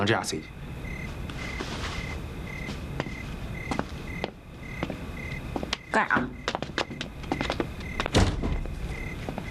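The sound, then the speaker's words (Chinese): A door is kicked open with a heavy thud, followed by scattered bumps and knocks, over a steady background hum and a faint repeating electronic beep. “你当一脚门就踹，礼貌吗？”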